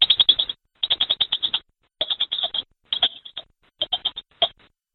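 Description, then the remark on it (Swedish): Someone imitates a squirrel with their mouth: rapid, high-pitched chattering chirps in five or six quick bursts separated by brief pauses, fairly loud, with no talking. “Och så har vi en ekorre eller någonting.”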